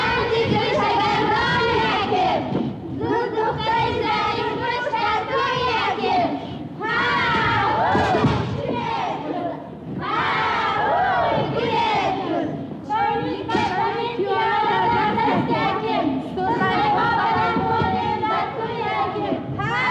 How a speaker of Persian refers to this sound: پولاد در روی حولی بازی بچه ها را تماشا کرده است